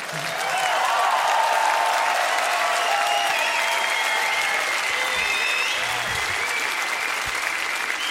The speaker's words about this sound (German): Ein extra Applaus für die tolle Band heute Abend.